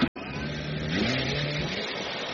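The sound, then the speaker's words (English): A steady, loud motorized buzz from military drones drones on without pause, its droning pitch wavering and dipping slightly partway through. No one speaks. “This buzzing is becoming one of the defining sounds of modern warfare.”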